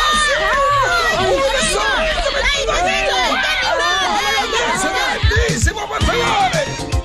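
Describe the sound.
A dense crowd of many voices yells and shrieks at once in a loud, continuous uproar in a recreation hall, with overlapping high cries and thuds as people run and overturn tables and chairs to flee a skunk.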